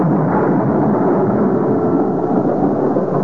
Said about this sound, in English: The night of the storm. Such a storm. There'd been nothing like it since the night he'd barged in on Arthur in the garden shed.